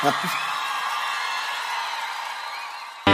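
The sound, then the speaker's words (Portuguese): A large live crowd in Brasília cheers and shouts continuously, with whoops and whistles rising over a steady roar of voices, loud and sustained for a few seconds before cutting off abruptly. “Quem gostou faz barulho aí, gente.”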